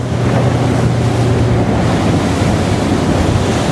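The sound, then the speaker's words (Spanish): A dive boat carrying divers cruises over the sea, with a steady low engine drone beneath continuous rushing water and wind noise, loud throughout, no voices. “En temporada alta, Stephen y su equipo sacan al mar 3 barcos diarios”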